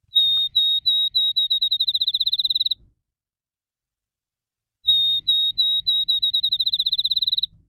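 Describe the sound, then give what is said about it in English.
A field sparrow, about 5 3/4 inches from bill to tail and passing through the valley, sings twice, each song a series of clear, high whistled notes that start slow and speed up into a rapid trill, like a bouncing ball, with a pause between songs. “we're talking about sparrows that are headed through the valley right now. And the field sparrow is one of these.”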